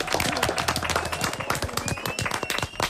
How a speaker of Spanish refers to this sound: Molt bé. Fort aplaudiment.